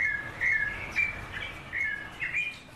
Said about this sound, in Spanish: Qué bonito canta ese pájaro, man.